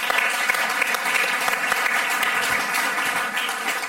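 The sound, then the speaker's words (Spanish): Steady, dense applause from a crowd for the del Río brothers, many hands clapping at once in a continuous wash of sound that stays loud and even for the whole stretch, with no voices on top. “Un aplauso para los del Río.”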